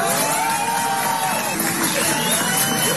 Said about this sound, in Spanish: Ahí lo aplauden, el disfraz que tenía.